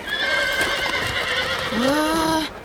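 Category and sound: animal, horse whinnying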